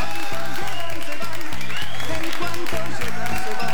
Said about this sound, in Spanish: Exactamente, fuerte los aplausos para Confecciones Pamela.